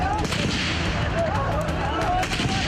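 Gunfire and artillery shots crack and boom in an irregular string of sharp bursts over a dense, loud, rumbling din that never lets up. The shooting comes at night from gunmen positioned on the top floor of a radio building, firing at people.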